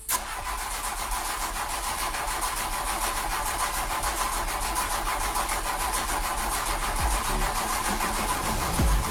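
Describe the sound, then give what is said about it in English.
A car engine cranks over and over with a steady, rapid churning rhythm but never catches, grinding on loudly for several seconds, with no voices. “That sinking feeling as the engine won't start.”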